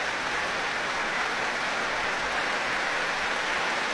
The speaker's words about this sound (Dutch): En opnieuw een daverend applaus voor Daniil Trifonov.